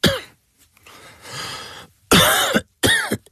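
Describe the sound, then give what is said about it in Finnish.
Three loud, harsh coughs, one brief hack at the start and then two rough bursts in quick succession after a quieter breathy pause. No one speaks. “Hei, älä suotta köhi.”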